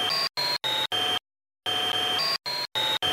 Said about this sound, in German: Ich nehme den Staubsauger-Sound und verändere hier die Tonhöhe. So klingt er normal und so verändert.